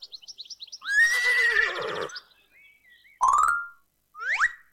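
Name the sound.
horse neighing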